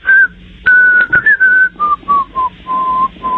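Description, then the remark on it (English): A man whistles a short melodic tune, the introduction of a song he wants to hear, over a phone call from the northern suburbs of Chicago; clear sustained notes in several phrases that step gradually downward in pitch, with no talking. “The song I would like to hear, I will whistle the introduction for you, and hopefully in the correct key.”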